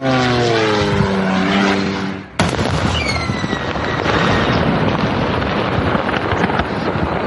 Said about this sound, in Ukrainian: Російське місто Сарапул, Удмуртська область. Від українського кордону 1200 кілометрів. І тут, після ударів українських дронів, горить склад Wildberries. Ось момент влучання дрона.